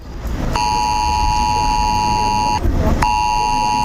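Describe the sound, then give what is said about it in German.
A loud, shrill mobile phone emergency alert test tone, sent during Germany's annual nationwide warning day, blares in a sustained multi-pitched wail, cutting off briefly and then sounding again, over a noisy background with no talking. “Dem extra lauten Warnton kann kaum einer entkommen. Ich weiß, was das ist. Das ist dieser Probewarnton. Der Notfallalarm auf dem Handy.”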